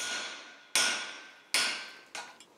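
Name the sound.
hammer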